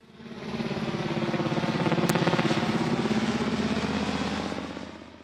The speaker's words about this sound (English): Yeah, helicopter. Another name for helicopter is Chopper, the wonderful Eric Banner biopic of Chopper Reed.